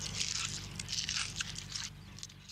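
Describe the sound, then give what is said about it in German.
Colorado potato beetle larvae nibbling potato leaves on a potato field: a soft, continuous run of tiny crisp crunching and rasping bites, irregular and rapid, over a low steady hum, with no voices. “Wenn zu viele Schädlinge an den Blättern knabbern, muss sie der Bauer bekämpfen.”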